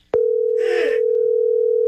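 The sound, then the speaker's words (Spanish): A sharp click as the other party hangs up the telephone, then a steady, unbroken telephone dial tone that drones loud for the rest of the moment, with a brief rustly noise passing underneath. “¿Por qué me cuelga?”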